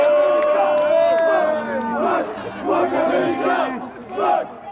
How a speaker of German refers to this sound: Trotzdem in Minute 31 der Ausgleich durch einen abgefälschten Freistoß von Malik Tillman. Unter den belgischen Fans macht sich hörbarer Unmut breit.